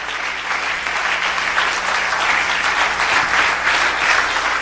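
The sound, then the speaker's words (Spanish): A large church audience claps steadily and loudly in praise of Christ, a dense, sustained wash of applause for several seconds without pause. “Y que el aplauso sea fuerte, grande y largo en lo que ellos cambian esas cosas allá.”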